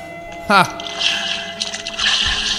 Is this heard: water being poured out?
yes